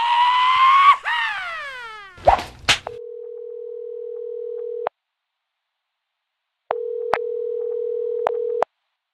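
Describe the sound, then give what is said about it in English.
The answering machine tone of The Whip's message line at backlandradio.com: a steady, mid-pitched electronic beep held for about two seconds, a pause, then a second identical beep with clicks, preceded by a warbling, sliding electronic sound and clatter. “Please leave your message at the sound of the tone.”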